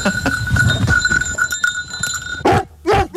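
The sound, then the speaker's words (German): The bell of Eddie, a rescue dog, rings steadily with a bright metallic clanging that keeps jingling as the dog approaches, closing with two loud, sudden bursts of sound. “Ich höre die Glocke, sie kommt immer und immer und immer näher.”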